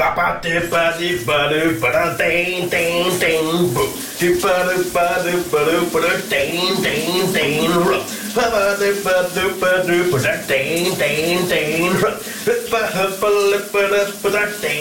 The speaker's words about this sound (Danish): der er der jo skønsangen direkte fra brusekabinen i vores morgenradio